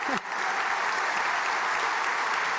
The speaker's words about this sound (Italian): Facciamo un applauso.